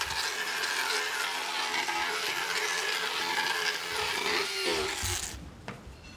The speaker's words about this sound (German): Es wird gefeilt und geschliffen, bis alle Kanten und Spitzen glatt sind.